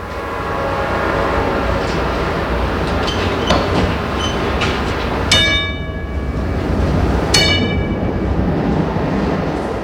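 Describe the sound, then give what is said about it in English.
A Pittsburgh trolley streetcar rumbles steadily along its rails, with faint clicks and squeals, then the conductor rings its bell in two loud, ringing clangs a couple of seconds apart. No one speaks. “Ask the conductor if he can ring his bell a few extra times for you.”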